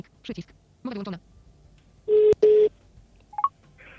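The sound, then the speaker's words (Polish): Telephone dialing tones as a call is placed again after a failed attempt: two loud, short electronic bursts in the middle, then a faint brief blip, with a few muffled sounds before them. “Dobrze, to próbujemy zadzwonić jeszcze raz w takim razie.”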